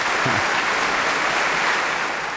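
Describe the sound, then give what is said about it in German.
Steady, dense applause from a large audience after a Bach performance conducted by Ton Koopman, many hands clapping at once in a continuous wash of sound, fairly loud and sustained throughout with no voices standing out. “Ja, mit dem Beifall hatte ich jetzt nicht mehr gerechnet.”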